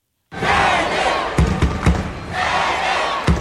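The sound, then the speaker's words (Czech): A packed judo arena at the world championships in Baku, Azerbaijan, roars with sustained crowd cheering as a home competitor steps up, swelling and easing in waves, punctuated by several sharp thuds and slaps, like bodies hitting the mat. “Ono to je vidět i na té hale, že opravdu je narvaný publikum a ta atmosféra je opravdu krásná, akor když nastupuje domácí závodník.”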